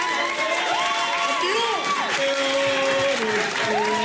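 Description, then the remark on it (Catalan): A crowd claps steadily and loudly for several seconds for a four-time world champion, the dense applause mixed with voices whooping and cheering above it, with no pause throughout. “Feu un aplaudiment.”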